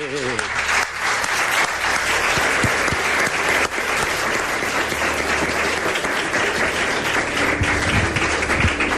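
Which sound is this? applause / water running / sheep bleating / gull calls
applause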